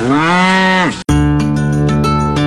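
Two loud cow moos follow each other: a long bellow that sags in pitch at its end, then after a brief gap a steady, droning moo held to the finish.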